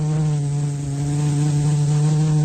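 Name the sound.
bee buzzing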